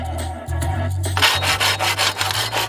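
Rhythmic back-and-forth sawing through bamboo, which is being cut to make a trap for catching local mountain goats in a wood, a steady run of raspy strokes about three per second, with a low constant hum beneath and no talking.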